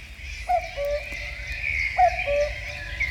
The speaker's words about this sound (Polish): Kukułka, rzeczywiście ta kukułka teraz też się może do was odezwać, nasza radiowa.